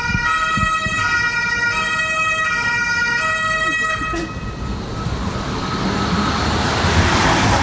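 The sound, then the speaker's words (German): A car passes by outside, loud. A steady, horn-like tone comes first, then a swelling rush of road noise as the vehicle goes past. No one speaks. “Und dann, ich warte mal ganz kurz, ziehe das Auto ab.”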